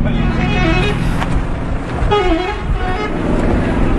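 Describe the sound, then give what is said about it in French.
A bus idles in Aleppo, Syria, in front of a large converted hangar as families get off, with armed men deployed around it. A horn toots and many voices chatter and call out over the steady rumble of engines and traffic. “Et devant le bus, les familles sont en train de sortir.”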